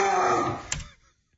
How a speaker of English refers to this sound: It was a very, that's my dog Poppy, sorry.